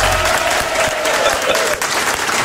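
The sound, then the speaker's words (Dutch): Loud, steady audience applause, a dense wash of clapping that holds evenly throughout, with a faint tonal hum running underneath. “Mag ik een applaus, alsjeblieft?”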